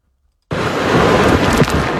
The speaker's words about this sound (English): That is the sound from Tropical Storm Bertha as it makes landfall overnight about 40 miles east of downtown New Orleans. Bertha comes ashore in St. Bernard Parish with 45-mile-an-hour maximum sustained winds and intense rainfall.